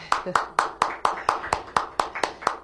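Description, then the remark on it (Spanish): Steady, evenly paced clapping, about eleven sharp claps in a brisk regular rhythm, fairly loud with no talking over it, applauding the companies that sponsor the Cuidando Sonrisas activity: Farmacia SAS, Grupo Coveca, Grupo San Simón, Plastisurca, Supla and Colgate. “Un aplauso.”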